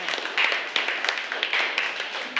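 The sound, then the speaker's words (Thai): A group in a classroom claps hands steadily for a couple of seconds, applauding the representative of group 3, a dense patter of many overlapping sharp claps at moderate loudness with no one speaking. “ค่ะขอเสียงปรบมือให้กับตัวแทนกลุ่มที่3ด้วยค่ะ”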